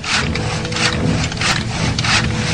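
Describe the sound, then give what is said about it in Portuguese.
Steady, rhythmic rasping strokes on wood as the slave Saul repairs a chariot in Rome, about four to five per second-and-a-half, like sawing or filing, with a low continuous hum underneath and no voices. “Em Roma, vamos encontrar o escravo Saul consertando uma biga quando Plínio Severus chega de repente.”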